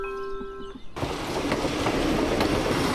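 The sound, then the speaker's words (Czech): A train pulls into the railway station in Pacov, a steady high tonal whine giving way after a second to a loud, continuous roar and rumble of the cars rolling past. “Na nádraží v Pacově, jehož historická budova září sitě oranžovou barvou, právě přijíždí vlak.”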